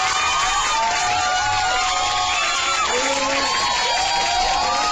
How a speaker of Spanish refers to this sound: Es más, ¿sabes qué? Me dice Eric de la Cruz, unos aplausos grabados.